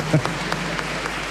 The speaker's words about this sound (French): Bienvenue, les Belges. Un applaudissement pour les Belges, on vous aime.